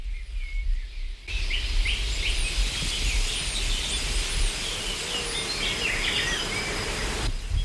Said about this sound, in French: Un bourdonnement après l'autre.